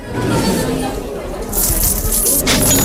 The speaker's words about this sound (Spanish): Los ingleses que habían llegado para saquear Cádiz empiezan a vaciar cofres, monedas, cadenas, vajillas, telas y todo lo poco que habían logrado reunir durante aquella expedición desastrosa.